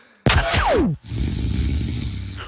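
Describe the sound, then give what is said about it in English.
One loud recorded snore: a harsh intake with a whistling tone that slides downward, followed by a rough, rattling low rumble. No voices. “I'll give you all three, and then you can do snore two.”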